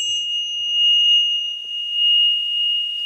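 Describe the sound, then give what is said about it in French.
A small bell rung to announce the start of a spa bath treatment rings on in a clear, high, sustained tone whose loudness gently swells and wavers over a few seconds, heard alone with no voices. “Oui, et la petite cloche, les vibrations qui vont bien”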